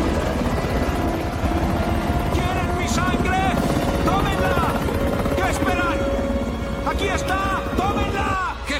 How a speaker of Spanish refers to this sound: Un helicóptero se mantiene suspendido delante de él.